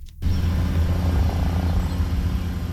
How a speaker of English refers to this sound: In the scorching heat, an OPP helicopter circles above the Binbrook Conservation Area in Hamilton, while officers on the ground search for 7-year-old Nathaniel Salambi.